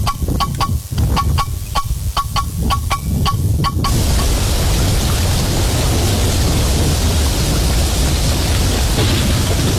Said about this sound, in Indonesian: Seberapa hari ini hujan deras terus nih. Takut ada banjir, bencana.